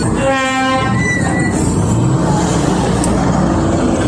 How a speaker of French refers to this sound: Le bruit des motos, des véhicules et les conversations des usagers rythment chaque soir à l'entrée principale de l'autogare Tchaourou de Barako.